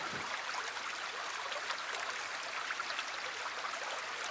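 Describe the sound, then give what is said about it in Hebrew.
Steady flowing stream water, a continuous bright rushing and babbling that holds at an even level throughout, with no voices. “רעש של מים זורמים, זרימה זה כבר טוב.”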